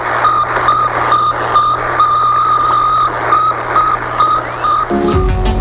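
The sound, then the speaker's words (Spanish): The radio signal of Sputnik 1, the first artificial satellite, a small 84 kg sphere that circled the Earth every 98 minutes, beeps in a steady, rapid series of short mid-pitched tones over a thick bed of static hiss, which cuts off abruptly near the end. “Era una pequeña esfera de apenas 84 kilos que daba una vuelta a la Tierra cada 98 minutos y enviaba una sencilla señal de radio, bip, bip. Bueno, aquel pequeño sonido inauguró la era espacial.”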